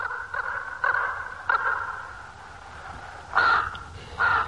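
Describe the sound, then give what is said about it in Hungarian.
A crow caws repeatedly in short harsh bursts, about five calls spaced unevenly, clear over a quiet background with no talking. “És meddig egy ilyen madár?”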